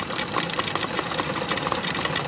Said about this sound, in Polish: Oj, tutaj będzie hałas. Nie wiem, czy coś będzie słychać, jak będziemy opowiadać, ale... Tu bardzo głośno. Tu pracują maszyny, które wybijają monety.